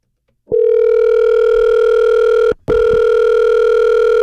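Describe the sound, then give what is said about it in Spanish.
A loud, steady telephone tone as a call goes out to a contest winner's mobile phone, holding for about two seconds, cutting out briefly, then resuming, with no voices. “Prepara tu celular porque ahí voy, ahí voy.”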